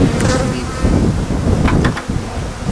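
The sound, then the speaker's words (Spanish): A dense, steady hum of many honeybees buzzing as beehives are opened to collect the bees, continuous throughout with a few brief clicks and knocks, no speech. “Ahora vamos a abrir estas y vamos a coger las abejas.”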